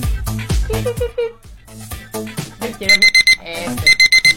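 A soft alarm clock rings: a gentle melodic chime gives way to two bursts of quick, evenly spaced electronic beeps, with no one talking.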